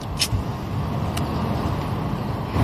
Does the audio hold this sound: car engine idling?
yes